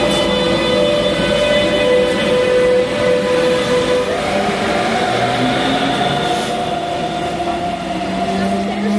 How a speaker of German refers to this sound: Wo sind wir denn hier? Wir sind auf dem Bahnhof und fahren jetzt zum Flughafen.